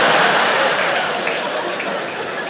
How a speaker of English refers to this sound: I don't know if anyone here has ever tried Xanax, but it's fantastic. Very muted claps for Xanax. You don't really get woos. It's more like, yeah.